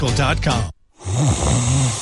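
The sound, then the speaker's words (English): Two loud snores from a person follow each other with a brief silent pause between them, each a rough, rumbling breath with a buzzy, throaty drone. “At Mattress Firm, we understand there are many problems that can keep you up at night, like snoring, aches and pains, or sleeping hot.”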